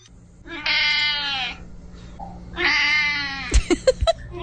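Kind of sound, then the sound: animal, cat meowing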